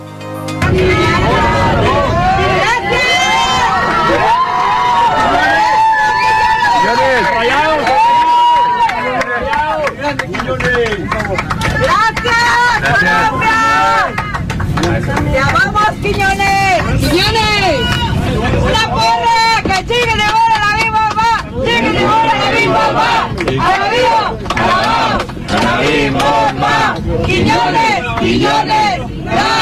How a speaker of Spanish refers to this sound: los pasajeros de un vuelo comercial aplaudieron y echaron porras al jugador